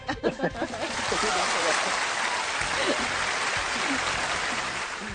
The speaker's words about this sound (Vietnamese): một tràng pháo tay thật lớn đi ạ.